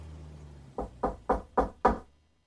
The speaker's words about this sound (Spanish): Recordando que la patrona me había contado los cuidados que prestó aquel anciano doctor al fontanero, subí como pude hasta el piso superior y llamé débilmente a su puerta.